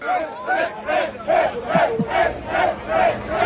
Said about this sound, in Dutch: dat is het gejuich bij het team van onze eigen Jeroen Blekemolen, die in de zogeheten SP10-klasse won